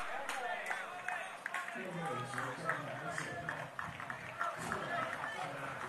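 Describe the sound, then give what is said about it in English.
A baseball crowd at Carolina Bank Field claps in scattered, fairly steady bursts on PD Ice Cats Night as the Mingos are a strike away, beneath a man talking over a public address or broadcast, with a general murmur of the crowd throughout. “The crowd starting to clap here at Carolina Bank Field.”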